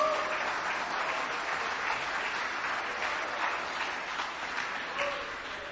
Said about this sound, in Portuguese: Pode sentar, meus irmãos, aplaudindo Jesus bem bonito. Bem forte. Palmas de vitória para o Senhor.